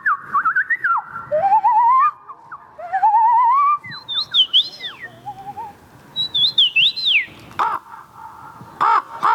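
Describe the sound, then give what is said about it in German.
A person imitates birdsong at a birdsong competition in Poland, producing a rapid run of bright whistles, rising chirps and warbling trills, ending with a few harsh, caw-like calls. No one speaks. “Mit einem Wettbewerb im Vogelgesang, wie in Polen.”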